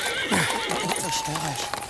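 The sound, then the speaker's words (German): A horse whinnies with a wavering, high-pitched neigh while hooves clop on hard ground, a short burst of steady knocking steps under the call, as the horse is told to halt and stand still. “Kümmer dich um das Pferd”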